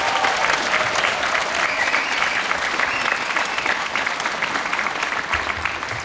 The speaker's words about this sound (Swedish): Och de får ju en applåd förstås.